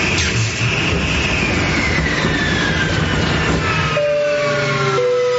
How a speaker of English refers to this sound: This is your captain speaking again. As you can see, we're experiencing engine failure. Looks like we're not going to get this bird off the ground tonight.